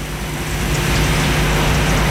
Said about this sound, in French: Tic, tic. Il pleut.